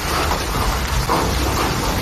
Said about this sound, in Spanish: Nos situamos en Barcelona, día de evaluar daños por las fuertes tormentas de intensas lluvias y granizo. Escuchen cómo barrían ayer Cataluña.